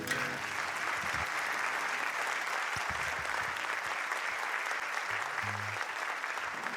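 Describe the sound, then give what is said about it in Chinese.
Sustained audience applause, a dense steady wash of many hands clapping at an even loudness throughout, with a few faint low murmurs underneath. “谢谢 谢谢 大家的掌声哦！”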